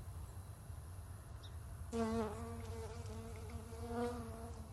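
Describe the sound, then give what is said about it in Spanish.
An albino Texcoco lake cicada (Cicada lacunae texcocensis), an insect endemic to the Valley of Mexico, makes a steady, droning buzz that starts partway through and continues to the end, swelling slightly near the close, over a faint low rumble in the background. “La mosca albina del lago de Texcoco es un insecto endémico del Valle de México.”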